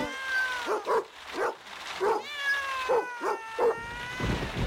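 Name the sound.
cats meowing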